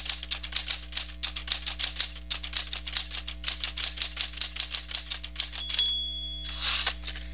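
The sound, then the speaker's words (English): Rapid mechanical typewriter keystrokes clack in an uneven rhythm, crisp, ending with a carriage-return bell ding and a ratcheting sweep of the carriage. No one speaks. “Christopher Latham Sholes received a patent for an invention he called the typewriter”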